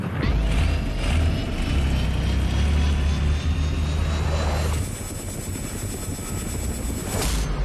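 A helicopter flying, its steady low rotor thump and engine whine droning loudly, with a rising whistle of turbine tones; the low rumble eases partway through while the higher whine continues.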